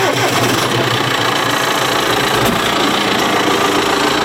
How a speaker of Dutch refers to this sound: Dan rij je met een grote trekker op het strand.